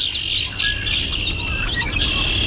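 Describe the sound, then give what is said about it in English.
Several backyard birds in Vermont chirp and warble at once in a busy, overlapping chorus of high, quick notes, steady throughout over a low background rumble, with no one speaking. “We'll explore the birds making appearances in your backyard as the seasons change in Vermont.”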